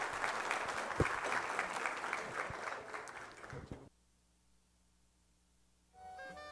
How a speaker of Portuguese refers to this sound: Uma salva de palmas, então, a professora